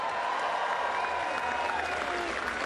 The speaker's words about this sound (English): Please welcome to the stage our NAB AFL Oz Kicker of the Year nominees. A round of applause.